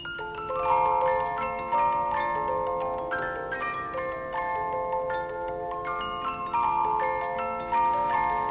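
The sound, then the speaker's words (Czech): A wound-up clockwork music box plinks out a bright, tinkling melody of plucked metal notes, steady, playing on its own without any voices for several seconds. “Mám náladu na trochu muziky. Natáhni ten strojek.”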